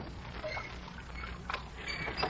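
Oars rowing a boat at a steady pace as Mr. Dalloway rows, each pull bringing a creak of the oarlocks and a soft wash of water, three strokes with no voices.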